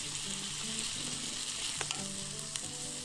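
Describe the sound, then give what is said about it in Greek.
Steady, loud sizzling of food frying in a pan, with a dense hiss throughout and a few sharp scraping clicks as skioufichta pasta is stirred through the sauce for one to two minutes. No one speaks. “Πάμε και τα σκιουφιχτά. Ανακατεύουμε για 1-2 λεπτά, κατεβάζουμε και ρίχνουμε το γιαούρτι.”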